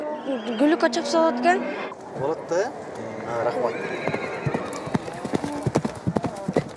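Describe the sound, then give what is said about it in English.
A horse being looked over by a buyer as a possible racehorse whinnies early on, followed by the steady clip-clop of hooves striking hard ground in a quick, uneven rhythm over several seconds. “I could train this horse and race it.”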